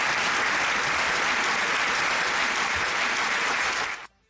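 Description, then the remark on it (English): A crowd claps steadily in a dense, sustained burst of applause that holds at an even level before cutting off abruptly near the end. “When one of our very own shareholders gives us such good news, all we can do is just applaud.”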